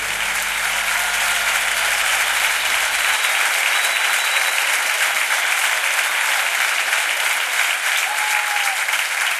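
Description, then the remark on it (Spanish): A large audience claps loudly and steadily, a dense wash of applause that holds at full strength for several seconds without pause, with no voices standing out. “Aplaudile con fuerza al que dio su vida por vos.”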